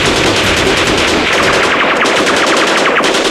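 Rapid bursts of automatic gunfire rattle continuously, a dense, loud barrage of sharp cracks with no pauses and no voices.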